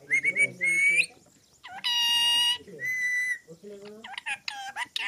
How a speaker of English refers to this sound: the parrot demands rice from her perch on a balcony in Dambagula village.